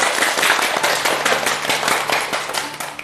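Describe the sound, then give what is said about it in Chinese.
An audience applauds steadily for about three seconds to welcome Teacher Yao to give a demonstration recitation of a Lu You poem, a dense, crackling wash of many hands clapping at once, fairly loud throughout with no voices over it. “我们就请姚老师来为大家示范诵读一下，掌声欢迎。”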